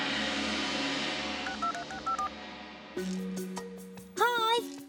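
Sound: telephone dialing tones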